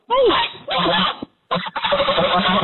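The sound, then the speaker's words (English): A young adult goose honks hoarsely, loud raspy calls in a long harsh burst, a brief pause, then another stretch of rough, grating honks. “You hear that monster? She sounds like she's been smoking 8 packs of cigarettes a day.”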